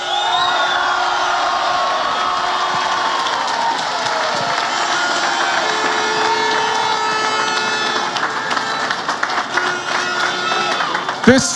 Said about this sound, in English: And I think we should acknowledge it again. Can we give them a right cheer this time, lads?